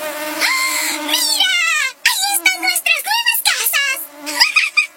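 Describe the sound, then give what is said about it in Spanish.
A shrill, harmonic mosquito whine that swoops up and down in pitch, droning steadily at first and then breaking into several short, wavering bursts. “En esta temporada de dengue, ¡víralo! Semanalmente cepilla y elimina los criaderos de mosquitos y como medida preventiva, usa repelente.”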